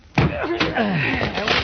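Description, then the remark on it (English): Heavy thuds of the door to Douglas' apartment being broken down by two people, several loud blows in quick succession, with strained voices and grunting mixed in between the impacts. “Break down the door,”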